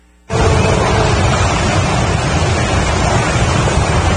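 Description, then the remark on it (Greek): A loud, continuous roar of rushing floodwater sweeping away cars in Chile after the heaviest rainfall in decades starts abruptly and churns on steadily, dense like a powerful torrent, with no voices heard. “Ορμητικά νερά παρασύρουν αυτοκίνητα στη Χιλή.”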